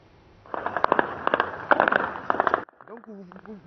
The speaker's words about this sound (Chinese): 有民众拍摄到首都尼亚美多地在29号清晨6点后传出密集枪声和爆炸声。